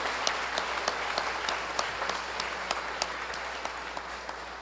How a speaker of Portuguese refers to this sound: Uma salva de palmas às que foram consagradas, né?